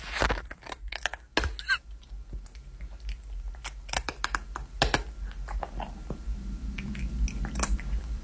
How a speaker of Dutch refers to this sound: Doortje de poes die lekker aan het eten is. Ah, oh, wat schattig.